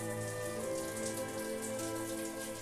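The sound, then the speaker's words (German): Cool water pours and splashes steadily over Annabelle, an animal with flippers, as biologists and a vet try to bring her temperature down from over 39 degrees; a continuous pattering wash with no pauses, backed by a sustained low tonal hum. No one speaks. “Das kühle Wasser soll ihre Temperatur von über 39 Grad reduzieren.”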